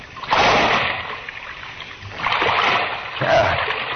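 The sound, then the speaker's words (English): A loud splash as a person drops down into waist-deep water in a dark passage, followed a moment later by heavier churning and sloshing, like someone moving through it. No one speaks. “I don't know how deep the water is. Here goes.”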